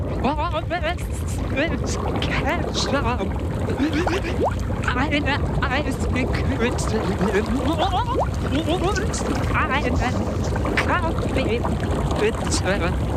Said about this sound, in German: Du meintest, du kannst erraten, was ich unter Wasser sage.